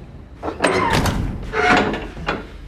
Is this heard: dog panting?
no